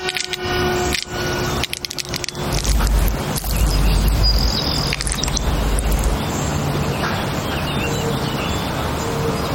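Master Yang cracks an eggshell open with sharp clicks and taps, then the egg liquid pours into a bowl with a steady splash, fairly loud with no talking.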